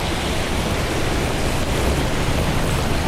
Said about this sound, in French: Ou en 30 mètres en contrebas, vous entendez distinctement le ressac des vagues.